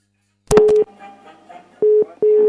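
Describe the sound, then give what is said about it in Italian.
A telephone line tone during a phone call sounds in loud, steady pulses, three bursts with short gaps, each starting with a sharp click, and faint murmuring noise fills the pauses between them. “Era la telefonata.”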